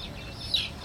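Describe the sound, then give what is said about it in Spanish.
Chicks peep in quick, high-pitched chirps, several small calls close together with one louder peep standing out over a low background rumble. “Los pollitos.”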